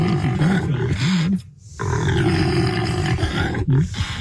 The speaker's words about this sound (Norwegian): Impala jo egentlig et afrikansk hjortedyr som høres sånn her ut.